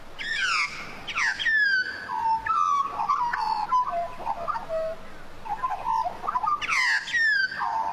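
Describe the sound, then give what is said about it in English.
A common Australian bird calls loudly, a run of rich warbling, fluting notes with sliding pitch that rise and fall in repeated phrases, with no one talking. “As you might have heard today, the results of the Great Aussie Bird Count are in, and based on this year's findings, you might well be hearing a lot of this.”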